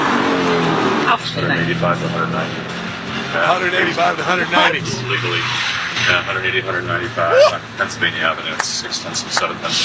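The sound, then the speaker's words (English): Race cars roar past on a street circuit on Pennsylvania Avenue during the first lap of a race, going about 180 to 195 miles an hour, engines revving and whining in a loud, continuous rush with brief tire squeals, while voices talk underneath the racket. “You know, these cars go 240, so it's not too crazy to them.”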